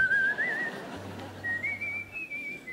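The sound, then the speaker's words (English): A person whistles two short, wavering phrases with no real melody, moderately loud, while a low steady hum briefly sounds underneath. “No tune, just... But then I started to whistle a bit of a tune.”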